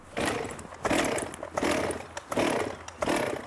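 A chainsaw being started: five rough, sputtering bursts of engine noise in quick succession, each pull cranking briefly before dropping off, loud, with no voices.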